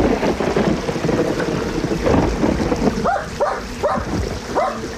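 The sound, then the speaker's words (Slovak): A dog by a stream barks in a quick run of about four sharp barks over a steady rumbling background like rushing water, with no one talking. “Psíče! Havo, havino! No preskoč potok!”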